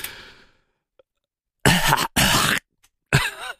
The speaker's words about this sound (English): Could you at least take the phone away from your mouth when you cough?